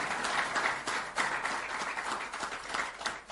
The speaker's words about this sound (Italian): Facciamo sentire l'applauso al segretario Vogliani.